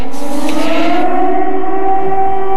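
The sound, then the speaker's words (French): A loud, sustained air raid siren wails steadily over a city about 30 km from the front. Its droning tone holds a slightly rising pitch with rich harmonics, filling the space without any voices. “Alors que les sirènes résonnent sur la ville, la cour de l'école, le terrain de basket, tout est vide.”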